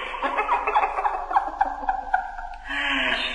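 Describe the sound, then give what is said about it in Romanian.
A bird call rings out: a rapid, warbling run of gobble-like pulses lasting a few seconds, ending in a brief, steadier higher-pitched cry. “Pe piața te așteaptă-i aceasta să te prefaci în pasăre.”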